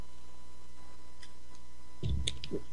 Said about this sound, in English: And get a slurp of water here.